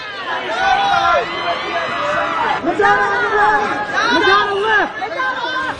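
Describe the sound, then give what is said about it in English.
Photographers shout at people on the red carpet of last year's celebrity fashion event, a loud, continuous jumble of raised voices with sharp rising and falling calls breaking out of the babble. “The photographer screaming at people on the red carpet.”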